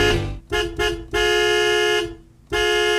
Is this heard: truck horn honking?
yes